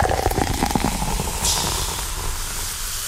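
A cold can of Coca-Cola cracks open with a sharp hiss, then a steady, crackling fizz of bubbles carries on as it is poured into a clear glass with lots of ice, soft and continuous like light static, with no voices.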